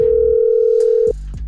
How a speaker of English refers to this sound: It's ringing once, it's ringing twice.